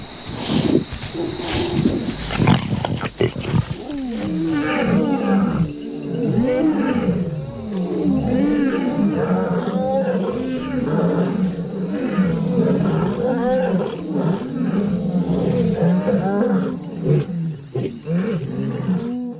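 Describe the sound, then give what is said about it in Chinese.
A pride of lions sharing a meal of prey roar and snarl almost without pause, deep rumbling growls rising and falling in a steady, loud chorus, with a faint high insect drone running underneath. “作为集群而居的动物，狮群成员需要共享美味。”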